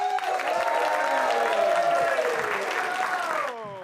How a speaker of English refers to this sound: And we'll move right on to the next comedian. A big round of applause.